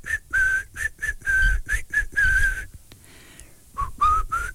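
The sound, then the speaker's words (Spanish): A person whistles a lively, choppy tune of short bright notes in quick bursts, pausing briefly before a few more rising notes. The whistling is fairly loud, with no talking. “¿A ti te sale ese silbido? A ver, mándame tu silbido.”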